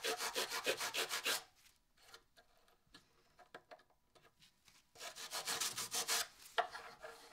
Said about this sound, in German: Also ich mache ja die Flächen bearbeite ich noch alle und hier vorne die Kanten, das schleife ich.